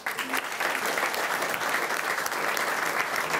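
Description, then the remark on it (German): An audience at MoMA claps steadily to congratulate a first-time voter who has just finished her Abitur, a dense wash of many hands sustained at an even, fairly loud level throughout with no voices over it. “Können wir auch noch mal applaudieren, oder?”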